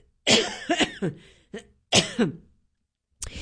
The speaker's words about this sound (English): I'm trying to stifle some coughing here.